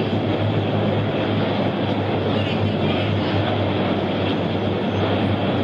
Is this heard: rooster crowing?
no